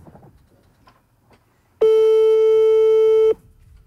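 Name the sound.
telephone busy tone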